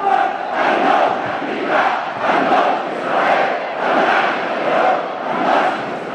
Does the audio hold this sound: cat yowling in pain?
no